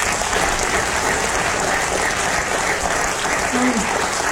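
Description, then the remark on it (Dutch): Steady, sustained applause from a theatre audience at Theater Blariken, clapping for the theatre's staff. It is a dense wash of clapping that stays at an even, fairly loud level throughout without pausing. “Nog een hartelijk applaus voor die medewerkers.”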